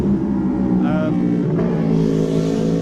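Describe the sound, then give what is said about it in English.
A racing motorcycle, number 54 ridden by Ilium Quayle on practice laps, roars past at Glen Helen, its loud engine note sweeping through a rising and falling pitch over a few seconds, with a commentator's voice talking underneath. “Listen to the roar of that.”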